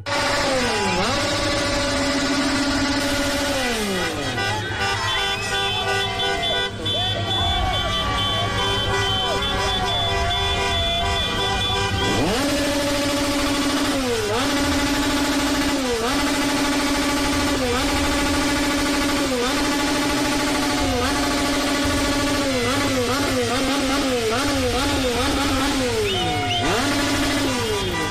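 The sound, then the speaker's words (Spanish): A loud, constant racket of motorcycle and scooter engines revving and horns honking, with repeated rising and falling tones over a dense street din, unbroken throughout. Acamoto riders outside the hotel of Ecuador's national team, in the hospital zone, making noise to keep the team from sleeping. “Los de las motos, los de las motonetas, el Acamoto, se los llevamos a los de Ecuador.”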